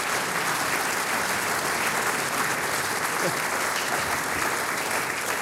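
A large audience claps steadily as a storyteller is welcomed up to join the host, a dense wash of applause that holds at an even, fairly loud level for several seconds without any talking over it.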